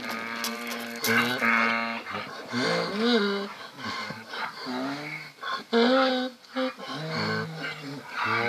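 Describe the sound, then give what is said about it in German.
Donkeys bray loudly, with repeated wheezing hee-haw cycles rising and falling over several seconds, some calls seeming to overlap one another. “Das IA an der Esel klingt für uns auf jeden Fall immer musikalisch”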